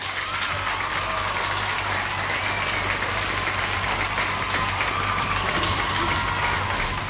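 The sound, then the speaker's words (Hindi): Steady, sustained applause from a crowd, a dense wash of many hands clapping at even loudness for several seconds with no voices over it, played for participants who answered the football quiz questions correctly. “फिलहाल यहाँ पे आप सबने सही जवाब दिया, इसलिए आपके लिए यहाँ पे बजेंगी तालियां।”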